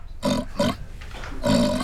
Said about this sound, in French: Mais c'est un grognement de cochon. Qu'est-ce que fait un cochon dans une bibliothèque ? Un cochon, ça ne lit pas de livres.